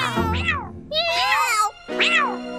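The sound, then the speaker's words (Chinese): Several cats meow loudly, three drawn-out, rising-and-falling calls in quick succession, the last arriving after a brief pause. “那朋友，我有很多朋友，多得数不清呢，对吗，猫咪们？”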